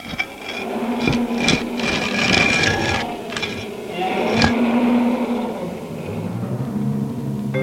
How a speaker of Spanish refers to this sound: Y Daniel fue arrojado al foso de los leones, y trajeron una piedra y la pusieron sobre la boca del foso.